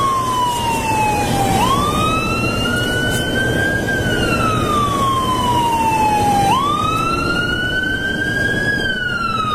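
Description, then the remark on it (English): An emergency vehicle siren from a squad vehicle passing by with full lights wails loudly, sweeping slowly up and down in long repeating cycles over a low rumble of traffic, with no one talking. “Here comes a guy, full lights and siren.”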